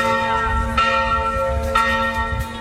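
The church bell of Sveti Šime (St. Simeon) in Zadar tolls steadily, with fresh strikes about once a second over a loud, continuous hum of ringing overtones. No voices are heard.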